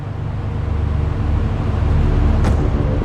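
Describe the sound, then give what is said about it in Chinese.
Road traffic in a jam at a green light: a steady low rumble of idling engines fills the scene, with one brief sharp noise near the end and no voices; the jam is caused by an accident involving a box truck ahead. “怎么绿灯还不走啊？堵车了吗？”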